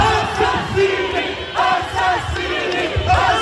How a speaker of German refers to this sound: Mörder, Mörder, schämt euch, rufen die Menschen.